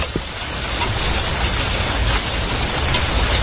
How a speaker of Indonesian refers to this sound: Yeay, hujan telah tiba, hujan telah tiba, hujan telah tiba. Hatiku gembira, hatiku gembira. Mah, ayo mandi hujan yuk, main air yuk.